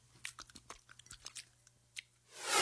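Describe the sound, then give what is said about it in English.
A dog, Churchill, licks peanut butter oral gel from the top of a Simpill medication device: a quick, irregular run of wet smacking and clicking laps, followed by a sudden louder burst of rushing noise at the very end. “Now start licking. What a treat.”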